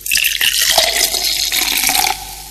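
A cold fizzy drink is poured into a glass, a loud, steady rush of liquid and crackling bubbles that runs for about two seconds before cutting off. No one speaks.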